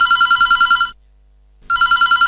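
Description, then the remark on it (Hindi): A telephone rings in two loud bursts of rapid trilling bell tones separated by a brief silence, with no one talking over it: an incoming call to the phone-in folk song programme Phone Karen Lokgeet Sune. “और लेते हैं जो पहलो फोन।”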